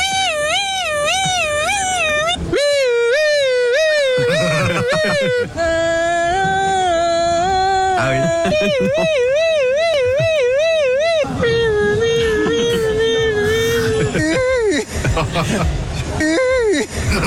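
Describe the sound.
Passers-by, asked what sound a police siren makes, mimic a police siren, their pitch sliding up and down in wavering wails across several loud bursts, with short gaps, chuckles and background chatter between them.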